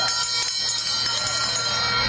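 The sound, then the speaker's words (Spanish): A loud starting bell rings continuously for about two seconds, a bright, metallic, rattling clang that stays steady throughout over a low background hum, starting the day's second horse race, over 1,800 metres, for the Las Dunas Shopping prize at the Sanlúcar de Barrameda horse races. “Con el sonido de esa campana arranca la segunda carrera del día, 1.800 metros de distancia, el premio Las Dunas Shopping”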